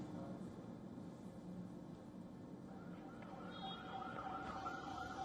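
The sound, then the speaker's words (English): An ambulance siren rises out of dense street noise during protest clashes in Rawalkot, its wailing tone growing clearer and louder toward the end over a steady rumble of traffic and crowd. “Ambulances were seen carrying injured protesters.”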